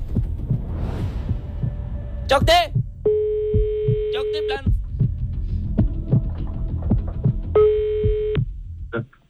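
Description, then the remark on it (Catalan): Two steady electronic telephone ringback tones sound in turn, each lasting over a second, while a phone call is placed and connects. Someone speaks briefly, and a low, pulsing throb runs underneath the whole time. “A veure, torno a trucar, que vegi sí.”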